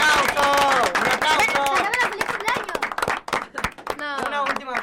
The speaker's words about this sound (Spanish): Y porque el lunes fue su cumpleaños. ¡Un aplauso! ¡Un aplauso!